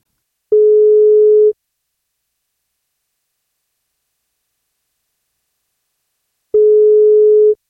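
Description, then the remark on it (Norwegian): A telephone ringback tone as the 1FM breakfast show calls a listener: two steady, one-second electronic beeps at a single mid pitch, separated by a long silent gap, clear and loud with no one speaking. “Det frokostshowet på 1FM som ringer deg.”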